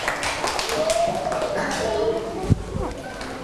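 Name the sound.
audience clapping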